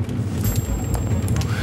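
A fireplace crackles with scattered sharp pops over a steady low rumble and hiss of a howling storm, with rain pattering against the windows at night. The sound is continuous, with no talking.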